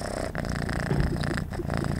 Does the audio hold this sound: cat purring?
yes